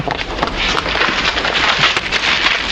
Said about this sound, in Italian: Hai sentito? Ho strappato l'intervista.